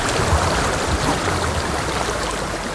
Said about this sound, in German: Wenn man in den Bergen ist, das Rauschen von Wasser, ich finde es ein anderes als Meerrauschen.